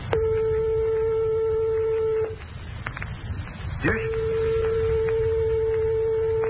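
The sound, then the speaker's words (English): A steady pure tone sounds for about two seconds, falls silent, then a second tone only an eighth of a tone different, a quarter of the gap between the closest piano notes, holds for a few seconds over a low hum. “Here are two tones only 1/8 of a tone apart, or 1/4 of the distance of separation from the closest tones of your piano.”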